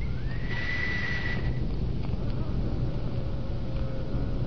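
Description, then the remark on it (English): A single high, thin whistle blast, blown to operate an electric lock on a burglar-proof door, swoops up briefly and then holds steady for about a second before cutting off, over a constant hiss of background noise. “All I need to do is to blow this whistle.”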